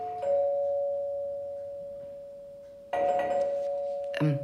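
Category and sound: household object, doorbell ringing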